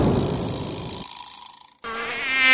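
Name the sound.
mosquitoes buzzing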